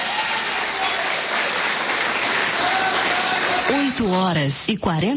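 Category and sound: crowd, audience clapping hands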